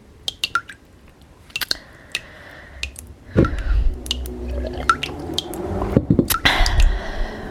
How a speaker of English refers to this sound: Drip, drip, drip, drip, drip, drip, drip, drip, towards my stomach.